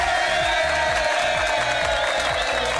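Loud, steady audience applause for a singer fills the whole stretch, a dense wash of clapping and crowd noise with a rhythmic low thumping pulsing underneath; nobody speaks.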